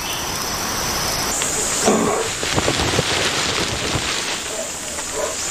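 Steady, dense hiss of heavy rain falling where pitcher plants grow, with scattered drips and patters on surfaces as the downpour begins to ease, no voices.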